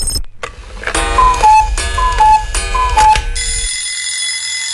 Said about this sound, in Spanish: Oye, no seas el que siempre llega tarde. Si ya sonó el despertador, no te hagas el dormilón.